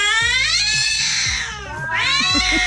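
Several cats meow in a drawn-out, melodic way over a steady rhythmic musical backing in a novelty music number, their wavering cries rising and falling like a sung tune, loud throughout.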